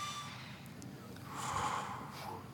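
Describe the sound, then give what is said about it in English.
A slow, deep breath drawn in and pushed back out, fairly loud, with a soft airy rush swelling in the middle. No one speaks. “We start breathing in and out.”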